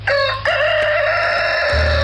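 A rooster crows loudly, a short opening note followed by one long, drawn-out cock-a-doodle-doo that holds steady before cutting off.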